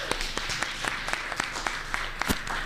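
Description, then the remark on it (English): An audience applauds steadily for a debate, many hands clapping in a dense, crackling wash with a few sharper claps standing out. No one speaks over it. “We need to get a round of applause for this debate.”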